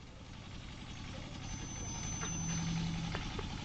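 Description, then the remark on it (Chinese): A tractor engine runs with a steady, low diesel chug and rumble, growing slightly louder over a few seconds and continuing without a break. “把你那个拖拉机关了。”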